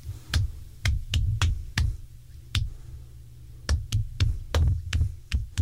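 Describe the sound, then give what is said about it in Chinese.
Sharp thumping beats land fairly loud at uneven, unpredictable intervals, bunching together and then pausing, demonstrating the irregular heartbeat and pulse of atrial fibrillation. No one speaks. “这种心房颤动有一个特点，也就是我刚刚讲的第二个要点，它的心跳脉搏排列是不规则的。我再重新示范一次，你在摸脉搏或者在摸心跳的时候，你会感觉到你的脉搏或心脏是这样子的跳动，让你感觉到。”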